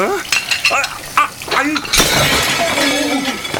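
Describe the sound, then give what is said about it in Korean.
A dish being washed suddenly smashes with a loud, bright crash, its shattered pieces ringing and clattering afterward, while voices talk and clink around it before and after the break. “접시 깨면 페이에서 제한다는 계약서 알고 있죠?”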